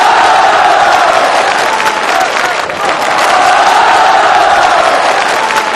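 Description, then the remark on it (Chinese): Sustained audience applause after a performance by two performers, a dense, steady wash of many hands clapping with a few cheers mixed in, loud, dipping briefly midway before swelling again. “好，感谢二位的表演，掌声送给你们。”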